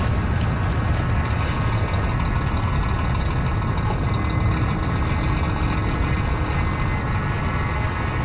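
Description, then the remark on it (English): A steady, heavy rumble of idling truck engines and passing traffic in an industrial, built-up part of Sydney, among car parks, trucks and building supply sites; loud and continuous with a deep low drone and no voices. “In this industrial and built-up bit of Sydney, right near a rugby station and a road named after Captain Cook, in between car parks and trucks”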